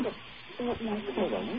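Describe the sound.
A radio plays in the background: muffled, tinny voices over a steady bed of hiss, with short bursts of speech separated by brief pauses.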